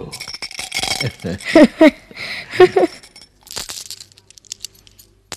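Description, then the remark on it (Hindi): Glass marbles clink together inside a paper bundle held against a boy's chest as he walks in the shade of neem trees, a few bright chinks over rustling, crinkling paper, with quieter shuffling and taps trailing off at the end. “क्या तुम्हें कंचा खेलना आता है?”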